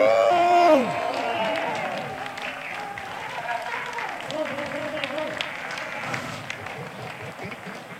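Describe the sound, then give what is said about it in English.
At a festival, a crowd breaks into applause and cheering, with a loud whoop at the start, then steady clapping continuing throughout, lively with voices mixed in. “A big, big, big, big applause”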